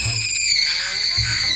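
A shrill, sustained human scream held at a high pitch for over a second, loud, wavering slightly in tone with no speech around it.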